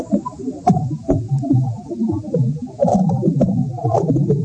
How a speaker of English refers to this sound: We're calling them cracks and pops and stuff, and it's pretty alien sounding.